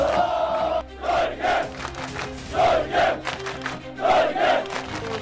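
Thousands of football fans gathered before giant screens in Times Square, New York, during the FIFA World Cup 2026, roar and chant in rhythmic surges, voices swelling together in repeated bursts of loud, celebratory shouting and clapping after a goal.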